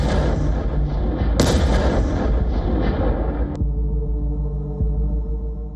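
A heavy explosion of a Fab 3000, a Soviet-era bomb weighing around 3 tons used by Russia, booms out, its sharp blast cracking through a loud, continuous rumble that roars on for a few seconds before settling into a lower, lingering drone.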